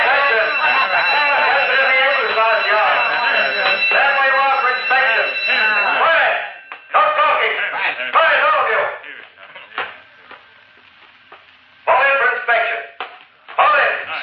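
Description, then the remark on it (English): A steady, high-pitched prison alarm rings continuously as someone tries to escape, under a clamor of overlapping voices, loud for the first several seconds before dropping back as shouting comes and goes in bursts. “Uh-oh, the alarm. Some fool's trying to make a break for it, the jerk.”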